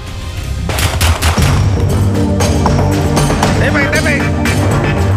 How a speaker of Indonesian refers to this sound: Aparat kepolisian terpaksa melepaskan tembakan peringatan ke udara dan bergulat dengan pelaku pembobolan rumah yang hendak kabur saat ditangkap di Kota Makassar, Sulawesi Selatan pada Kamis malam.